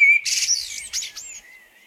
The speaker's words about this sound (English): A summer sound, like soaring lark, clear and true and strong. He whistles and the world becomes blackbird, blue sky, song.